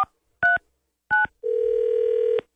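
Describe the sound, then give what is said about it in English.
Three short, clear touch-tone keypad beeps sound in quick succession as a woman's phone number is dialed, followed by a single steady electronic tone held for about a second, with no voices present. “All right, so we got to give her a call. We got her phone number, and we're going to figure out what's up, what went down, okay?”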